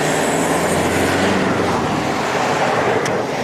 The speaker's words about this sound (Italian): Su questi due tratti di strada i ricercatori dell'EMPA hanno installato temporaneamente 16 microfoni per misurare il rumore emesso dai veicoli e poi via uno dopo l'altro.